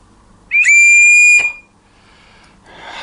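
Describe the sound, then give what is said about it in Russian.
A single loud, shrill signal whistle blast lasting about a second, piercing and steady, followed by quiet background and a soft rustle. “Есть сигнальные свистки. Они есть туристские, они есть тренерские, они есть какие угодно.”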